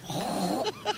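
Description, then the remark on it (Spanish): A woman on Basque regional television (ETV) imitates a hen, starting with a wavering, warbling call and ending with two short, sharp clucks. The imitation is loud and carries no speech. “Una gallina.”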